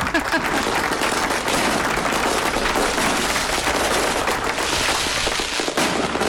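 A round of applause for Saint Benedict (São Bento) from many hands, a dense, steady crackle of clapping that stays loud and even for several seconds before easing slightly at the end.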